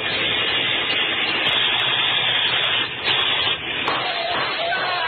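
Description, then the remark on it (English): A steady, continuous car engine rumble from a car around the corner runs throughout, fairly loud, with a dense, even noisy texture and a brief dip near the end before it carries on. “There's a car around the corner and off the hurry.”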